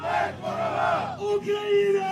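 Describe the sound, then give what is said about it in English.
A crowd of soldiers crowded around screens at drone races cheer each other on, loud, overlapping male voices rising into sustained whoops and yells over about two seconds. “You can see drone races, air horns, soldiers crowded around screens, cheering each other on.”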